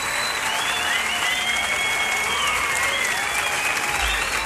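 An audience applauds the children of the LBV who are present: a sustained, dense, steady wash of clapping hands across the whole stretch, with a few faint whistle-like tones gliding over it and no speech on top.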